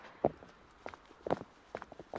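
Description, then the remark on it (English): Quick, uneven footsteps of a person excitedly running back along a wooden pier to share good news, a handful of sharp hollow impacts in a hurried running rhythm, moderately loud with no voices. “This is actually just me excitedly walking back”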